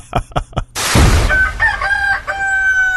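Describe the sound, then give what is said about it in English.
Three quick thumps and a loud, noisy burst give way to a rooster's crow, a long, strained cock-a-doodle-doo that holds a high, steady pitch to the end. “It wakes me up in the morning.”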